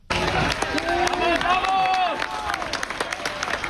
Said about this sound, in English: As crowds erupted in cheers and celebrations.